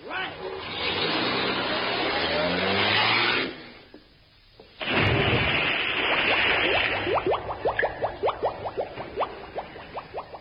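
car driving off

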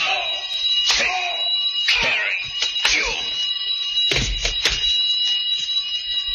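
alarm bell ringing

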